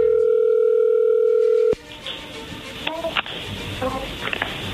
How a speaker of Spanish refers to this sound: A ver, marca, ahí ya entró la llamada, no hagan ruido, ahí va.